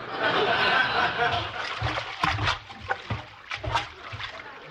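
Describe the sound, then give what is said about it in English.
Water sloshes and splashes in a series of irregular gurgling surges, rising and falling in uneven bursts, inside a full stomach after drinking 22 glasses of water while rocking in a rocking chair. “And to keep my mind off of smoking and eating, I just drank 22 glasses of water. That's a lot of water.”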